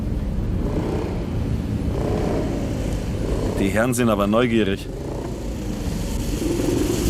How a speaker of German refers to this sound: Du, ich glaube, uns verfolgt ein Motorrad.